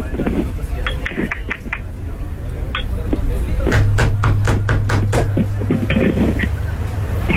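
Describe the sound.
A rapid series of sharp, loud knocks on a door, repeating in a quick steady rhythm, with a few scattered taps earlier and a low hum and muffled voices underneath.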